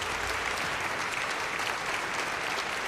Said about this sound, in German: Und ihr gebt doch noch einen Applaus für den Assistent.